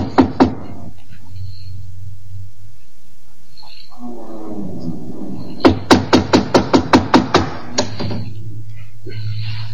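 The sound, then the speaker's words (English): A quick run of about eight firm, evenly spaced knocks on the door of a captain's cabin, coming right after a low rumbling growl, with a steady low hum beneath throughout. “Here, door. We knock? First.”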